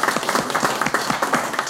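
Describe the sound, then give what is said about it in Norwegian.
A crowd applauds steadily for singers after a song, many hands clapping in a dense, continuous patter that stays fairly loud throughout, with no voices rising above it. “Det lukker vi at vi får klappe dere opp av dere.”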